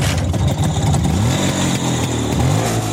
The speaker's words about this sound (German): Eine entspannte Runde mit dem Motorrad aus dem Jahr 1959, das steht bei Ihnen auf dem Programm.